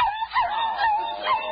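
A small Pekingese dog named Princess Lotus Blossom whimpers while being given a bath, a continuous, high, wavering whine that rises and dips for a second or two, moderately loud, with no one talking.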